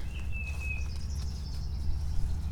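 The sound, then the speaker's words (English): Faint, thin bird calls drawn out as a couple of long high whistles, set over a steady low rushing wash of a creek, with no one talking. “It's full of birds.”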